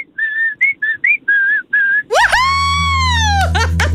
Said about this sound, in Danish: Kan du fløjte?